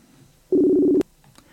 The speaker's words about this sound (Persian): من شماره ایشون رو میگیرم. بله، تلفنش رو زنگ میخوره.